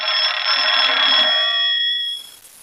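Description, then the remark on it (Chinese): An old-fashioned telephone bell rings loudly and continuously for about two seconds with a call for the regiment commander, then cuts off and leaves a faint fading ring with quiet room tone. No one speaks. “哎，团长电话。”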